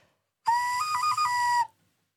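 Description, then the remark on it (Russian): A traditional clay folk whistle (svistulka) from the Urals, Russia, is blown: one loud, shrill tone lasting just over a second, with a quick warbling flutter in the middle, and nothing else around it. “Именно, это именно и глина, и форма, и посыл, который несет свистулька, она у нас свистит.”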